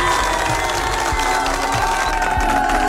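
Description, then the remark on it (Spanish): A steady wash of crowd applause and cheering fills the whole stretch, loud and dense, with scattered shouts rising above the continuous clapping and no speech. “Bueno, antes, un aplauso para ustedes que votaron por este artista y por esta canción.”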